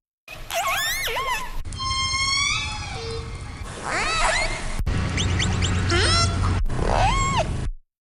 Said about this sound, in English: The sound of orcas off the West Coast. You can hear their calls in a new audio catalog that is now available online.